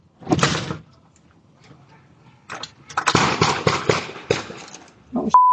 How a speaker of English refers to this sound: At 7:17 a.m., a doorbell camera from a nearby home captured the sound of gunshots. You can hear five shots fired in just over a second in the distance.